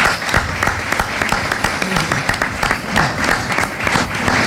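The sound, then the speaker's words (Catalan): An audience breaks into steady, dense applause, many hands clapping together in a sustained, even roar of claps with no voices standing out. “Demano un aplaudiment per ell perquè s'ho mereix.”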